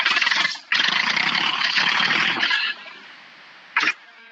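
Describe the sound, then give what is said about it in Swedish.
A tractor engine is started by the driver sitting in it, cranking and roaring into a loud, rough running noise for a couple of seconds, then dropping to a much quieter idle, with one short loud burst near the end. “men jag vet inte om det hörs i radio, men jag ska starta traktorn för jag sitter nu, jag är på väg.”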